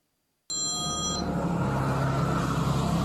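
A short, bright electronic phone ring chirps once near the start, then cuts off, leaving a steady low rumble of road or engine noise that continues throughout.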